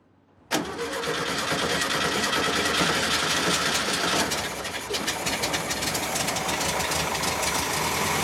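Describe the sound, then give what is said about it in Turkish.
A restored vehicle's engine, newly fitted with a fuel pump and battery, cranks and fires abruptly after a moment of quiet, then settles into a loud, steady idle with a rough, slightly knocking rumble. No one speaks. “Hazır olduğunda söyle. Bir dene bakalım. Çalıştırıyorum.”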